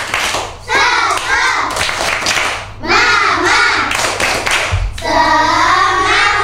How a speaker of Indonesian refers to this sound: Mana semangatmu? Ini semangatku. Mana suaramu? Ini suaraku. tepuk semangat.